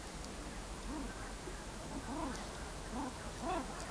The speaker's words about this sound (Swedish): Och här kan man höra gravänder. Hannarna som låter sådär. Pip, pip, pip, pip, pip, pip, pip.